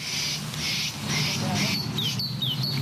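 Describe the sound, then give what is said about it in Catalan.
Birds call in the Parc de la Ciutadella in Barcelona, with repeated bursts of chatter followed by quick, bright chirps over a steady low hum of urban background noise. “Allà, això són els ocells.”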